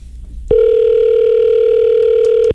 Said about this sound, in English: Come on. Pick up the phone, man. Pick up the phone.